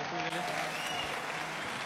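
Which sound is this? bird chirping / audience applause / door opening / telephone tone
audience applause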